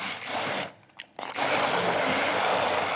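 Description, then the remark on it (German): An immersion blender purees peppers and olive oil, a loud, gritty whir that stops briefly after half a second, then resumes and churns steadily to the end. “Und jetzt kannst du gerne schon einmal pürieren.”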